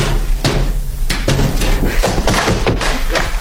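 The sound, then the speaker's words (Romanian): Loud, sharp knocks on a door by a husband waiting at the gate to be let in, about seven heavy raps in an uneven rhythm, sounding over a steady low hum with no voices. “Cine bate? Cine strigă?”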